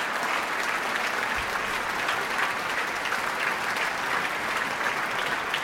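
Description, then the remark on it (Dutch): Sustained applause from a concert audience for the soloists and orchestra members, a dense, steady wash of many hands clapping at an even loudness throughout, with no voices standing out. “Maar ook de leden van Amsterdam Sinfonietta delen in het applaus.”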